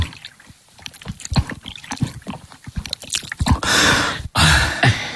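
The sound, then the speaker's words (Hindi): Wet gulping and swallowing sounds in an irregular run, followed by two loud bursts of water gushing and splashing out, poured from a waterskin by a street water seller for a thirsty customer to drink in hot weather. No one speaks. “जी जनाब, जरा यहाँ आओ, इतनी प्यास लगी है, जरा पानी पिलाओ, गला सूख रहा है।”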